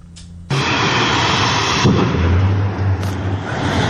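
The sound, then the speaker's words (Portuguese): A sudden loud explosion bursts in and gives way to a continuous heavy roar as chemical drums explode and are launched into the air, with another sharp blast cracking through near the end. No voices. “Inclusive, moradores da região registraram diversas explosões com tambores lançados ao ar, além de fumaça saindo pelos bueiros das ruas vizinhas.”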